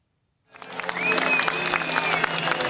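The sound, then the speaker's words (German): Sustained applause from a crowd of several thousand Greeks on a public square in Athens, Greece, shortly before 9 pm at a party founding event as a former Greek prime minister steps out, begins abruptly after a brief silence, a dense, steady wash of clapping with some cheering, continuing loud and even to the end. “Unter anhaltendem Beifall trat kurz vor 21 Uhr Ortszeit Alexis Tsipras vor sein Publikum.”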